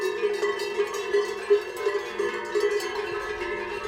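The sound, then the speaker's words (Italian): Many cowbells from a farmer's bell collection, worn on the necks of animals at pasture, clank and ring together in a steady, overlapping jangle, with sustained metallic tones and a few brighter knocks standing out. No one speaks. “E qua è tutta la mia collezione di campane, una parte.”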